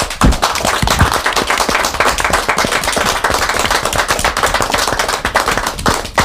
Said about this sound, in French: Nous l'acceptons et on va peut-être pouvoir rajouter des applaudissements. Allez, un applaudissement spontané.